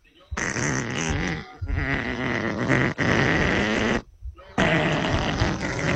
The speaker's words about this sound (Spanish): sacando ahí todo el gas que traía almacenado durante la noche.